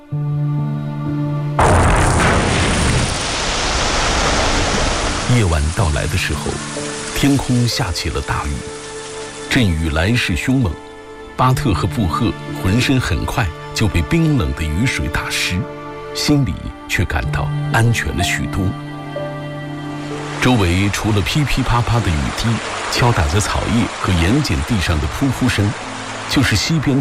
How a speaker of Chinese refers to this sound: 夜晚到来的时候，天空下起了大雨，阵雨来势凶猛，巴特和布赫浑身很快就被冰冷的雨水打湿，心里却感到安全了许多。